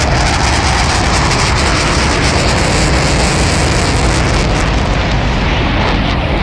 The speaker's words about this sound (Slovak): To bola letiaca včela. Áno, takto počujú bežné zvuky deti s autizmom, ktoré sú hypersenzitívne.